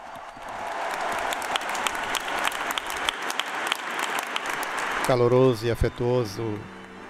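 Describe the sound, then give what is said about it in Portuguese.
Dense, sustained applause from a large crowd of the faithful greeting the Pope at the end of a Mass in Assisi goes on for several seconds, then a voice starts speaking over the fading clapping. “Calorosa e afetuosa saudação, aplauso dos fiéis ao Santo Padre ao término desta celebração eucarística.”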